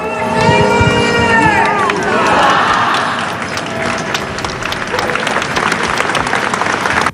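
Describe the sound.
A large crowd of hundreds of people of Murcia claps steadily and loudly as the coffin of José Ballesta passes in his funeral procession toward the cathedral door, the dense applause filling the whole stretch, with raised voices and calls rising over it at the start.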